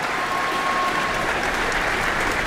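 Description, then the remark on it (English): Steady, dense applause from a concert audience at an APO concert, an extra round as conductor Elena Schwartz holds the score of the work high above her head; a broad continuous crackle of many hands clapping at an even level throughout, with no voices standing out. “That brought that extra round of applause there.”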